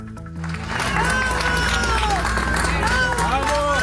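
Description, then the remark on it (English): In Caracas, Venezuela, a crowd cheers and shouts as first responders carry an injured man out on a stretcher after back-to-back earthquakes; many overlapping voices swell after a brief moment and hold loud and steady throughout, with some clapping mixed into the din. “People cheering as first responders in Venezuela carry an injured man out on a stretcher.”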